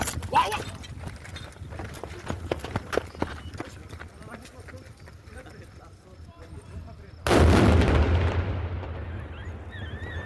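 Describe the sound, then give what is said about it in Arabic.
A sudden heavy blast booms at about seven seconds, its rumble decaying over the final seconds, preceded by scattered sharp cracks and pops with faint background voices; authorities' controlled detonation of leftover war explosives, an explosive device found in a rubbish container, in Harat al-Tul, Sahnaya, Rif Dimashq, Syria. “أفاد مراسل تلفزيون سوريا بوقوع انفجار في مدينة صحنايا بمحافظة ريف دمشق، وأوضح مصدر أمني أن الانفجار في صحنايا ناتج عن تفجير الجهات المختصة لمخلفات حرب كانت في المنطقة.”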